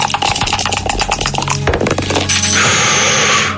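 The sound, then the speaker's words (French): Dice clatter and tumble across a hard surface in a rapid burst of sharp, irregular knocks, followed by a steady, loud hiss that continues to the end. “Qui a lancé les dés, là?”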